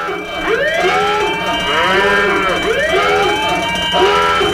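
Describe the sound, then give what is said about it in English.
A loud overheating alarm siren sound effect, played for a 'hot take', wails in repeated rising-and-falling sweeps, about four cycles in quick succession, with bright layered harmonics and no voices. “That's the hot take, overheating sound.”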